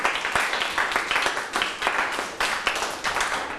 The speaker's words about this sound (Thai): ปรบมือให้เพื่อนเลยครับยอดเยี่ยมมากเลย